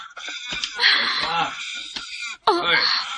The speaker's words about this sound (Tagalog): Baby, baby, ayaw na paghila ka.